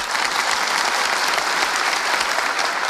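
An audience gives polite applause on request, a dense patter of many hands clapping at moderate volume, even and sustained throughout without cheers or voices.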